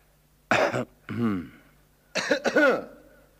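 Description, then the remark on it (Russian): A voice imitates a quiet cough: a few short, soft, throaty bursts in two small groups, without any other background sound. “Вскоре из дому вышел отец, подошел к соседскому забору и тихонько кашлянул.”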